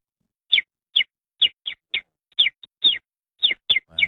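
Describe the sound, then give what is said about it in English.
A voice imitates a common sparrow, giving about ten short, bright chirps in an uneven rhythm, fairly loud, with brief silences between them. “Like a common sparrow, or yeah, that's what I'm.”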